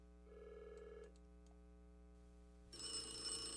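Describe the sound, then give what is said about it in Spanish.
A telephone rings with a short warbling burst, pauses, then breaks into a louder, brighter, jangling ring near the end. No one speaks. “contesta ese teléfono.”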